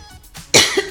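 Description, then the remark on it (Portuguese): A single sneeze: a soft intake of breath, then a sudden loud, hissy burst that tails off over half a second, with no talking around it. “Saúde.”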